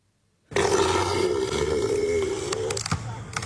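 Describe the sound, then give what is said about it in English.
A deep, guttural roar of Neil the Seal, a one-ton elephant seal on the Tasmanian coastline, bursts in after a brief silence and rumbles on loudly for a few seconds, a throaty, belching drone with no talking. “During his stay over recent weeks, though, the one-ton elephant seal has become an international celebrity and viral sensation.”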